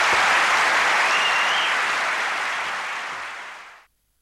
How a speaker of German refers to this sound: Begeisterter Applaus hier zu nächtlicher Stunde für Max Gold.